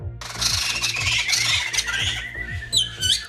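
Harsh, raspy bird squawks and bright chirping calls crowd together, loud, over a steady low pulsing rhythm, with a clearer burst of twittering song near the end.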